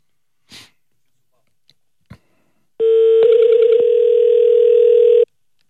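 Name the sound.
phone ringing tone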